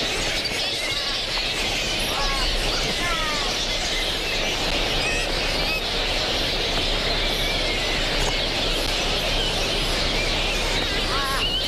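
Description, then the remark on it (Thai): A dense, continuous chorus of shrill squeaks, screeches and chattering calls from a large colony of large flying foxes, the largest of all bats, many overlapping voices at steady loudness with no talking. “ค้างคาวแม่ไก่เป็นค้างคาวที่ใหญ่ที่สุดในบรรดาทั้งหมด”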